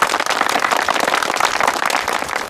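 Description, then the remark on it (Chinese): Squad one of a reconnaissance company bursts into loud, steady applause to welcome a new member: dense, crackling handclaps from many people, sustained at an even level for a couple of seconds with no voices heard. “鼓掌欢迎。”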